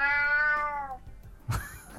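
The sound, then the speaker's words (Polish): A single drawn-out cat meow played by a Google voice assistant after it tells a fact about cats, clear and lasting about a second, followed by a short burst of noise and faint rustling with no one speaking. “A nawet jest dźwięk kota.”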